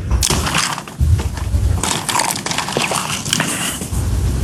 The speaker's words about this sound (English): Pick the right question to sip on, huh? The sound effect you heard was him taking a drink of water as that question was being asked, HD, loudly, to make sure, like, so this is what we're doing.